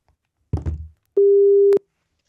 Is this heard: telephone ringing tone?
yes